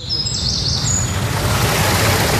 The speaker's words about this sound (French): Au chant des oiseaux se mêle désormais le murmure de l'eau. Longtemps asséché, le petit étang a retrouvé son niveau d'antan. Il est alimenté par la cascatelle fraîchement restaurée.